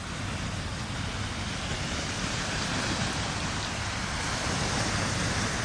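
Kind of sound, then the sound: nature, sea waves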